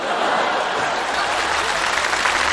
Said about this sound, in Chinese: 有请董事长上台讲话。来， 音乐请，掌声不能停。